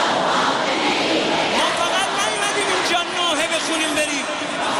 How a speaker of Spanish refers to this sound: Es el sonido de las miles de personas que han acudido a la gran mezquita de Mosalla en Teherán para despedir al dirigente. Durante la ceremonia se han escuchado gritos de venganza, mientras muchos asistentes se golpeaban el pecho en señal de duelo